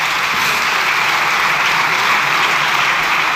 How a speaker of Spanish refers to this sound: largo aplauso.